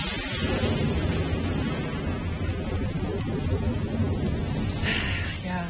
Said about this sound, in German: Da hatte man so tolle Pläne für einen Tag am See oder war den ganzen Tag schon schaukeln und dann plötzlich boom, krachendes Gewitter, große Regentropfen und vielleicht sogar Hagel, der vom Himmel schießt.